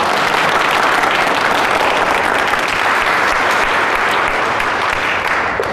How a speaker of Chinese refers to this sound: 好啊，你们的掌声啊，就是对我的鼓励啊。